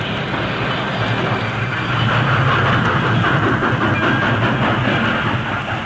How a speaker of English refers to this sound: They were almost back to the siding when the Lone Ranger brought the work train to a standstill.